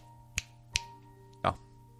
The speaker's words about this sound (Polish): kiedy pstryknę palcem, nie będziesz nic pamiętał.